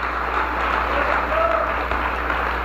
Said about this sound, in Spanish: Dale un buen aplauso a tu Dios otra vez. Amén. Eso es, hermano. Aplauda fuerte.